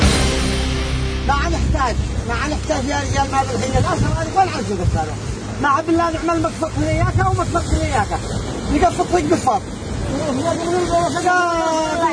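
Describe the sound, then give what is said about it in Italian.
Waves lap and slosh in a steady, hissing wash throughout, while an agitated man's voice talks loudly over the water, in a video circulating on Telegram channels close to the Houthi rebel militias in Yemen. “Sentite lo sciabordare delle onde, sentite anche una voce piuttosto concitata.”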